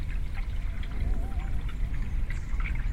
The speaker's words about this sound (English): The river speaks. You hear the waves, the roar of the wind in the leaves of the trees, the breeze in the reeds, a fragile sound, murmuring their delicate rarity in this urban spool.